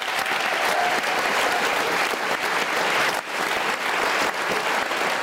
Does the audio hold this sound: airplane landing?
no